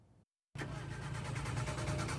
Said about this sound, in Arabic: يستيقظ العديد من أهالي دير الزور منذ عدة أيام على أصوات محاولات إقلاع محركات سيارات ودراجات نارية، لكن من دون جدوى، وذلك لتعطلها بسبب مشكلات ناتجة عن رداءة البنزين.